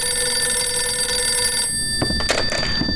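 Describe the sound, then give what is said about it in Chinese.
A telephone rings with a steady, high electric bell tone for about a second and a half, then stops, leaving a few soft thumps and handling noises; it is a call from Fan Tianxi for Commander-in-Chief Long. “龙总司令，范天喜的电话。”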